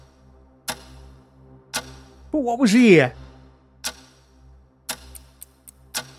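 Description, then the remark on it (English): A clock ticks steadily about once a second, each tick crisp, with a brief spoken question partway through and a few quicker clicks near the end. “Clock is ticking.”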